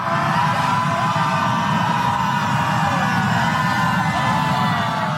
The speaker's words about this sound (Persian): سپس جمعیت در حالی که نسیمی از سوی اقیانوس میوزید و آفتاب میتابید کمی گلوی خود را هم برای آماده شدن گرم کردند و بعد همگی شروع کردند با هم به فریاد کشیدن.